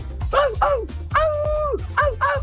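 A dog barks several times in quick, uneven succession, with one longer, drawn-out yelp in the middle, loud over a steady low rumble in the background.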